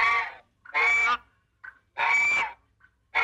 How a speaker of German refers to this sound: Habt ihr Bock, nochmal die Gans zu hören?